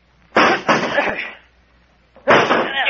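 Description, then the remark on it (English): A chair is battered twice against a locked door: heavy, loud wooden impacts, a first blow with a rattling, crunching tail, then a pause before another hard bang against the door. “Break down the door. That's it. Grab that chair.”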